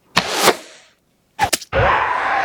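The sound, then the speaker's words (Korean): An arrow is shot at a monster and hits it: two pairs of sharp snaps and impacts with a pause between, followed by a steady, loud rushing noise that continues to the end. “연희는 괴수가 시온에게 한눈판 사이 화살을 쐈다.”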